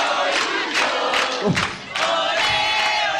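A big crowd of football supporters chants and shouts together in a dense, continuous roar, with sung voices rising and falling in loose rhythm and a brief dip in volume midway.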